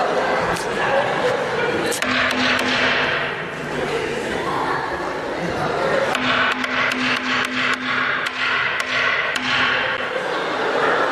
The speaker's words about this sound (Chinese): 吓死你都不多，干嘛呢你这？ 敲门呢？ 敲门，这说叫门，叫门。